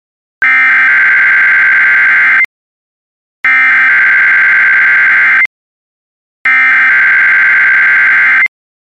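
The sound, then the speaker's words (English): A loud, steady electronic alarm tone sounds three times, each blast lasting about two seconds with a one-second gap of silence between them, harsh and buzzing: a test of the National Weather Service's NOAA Weather Radio Warning Alarm System, conducted every Wednesday morning. “This is a test of the National Weather Service's NOAA Weather Radio Warning Alarm System.”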